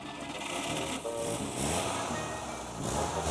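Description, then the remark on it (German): An old 1930s vintage car, a simple car with no electronics, starts up and runs with a rapid, rattling putter, fairly loud, holding a steady rhythm with no voices. “Es ist ein recht einfaches Auto, keine Elektronik. Einfach nur Benzin, Zündfunken, geht oder geht nicht.”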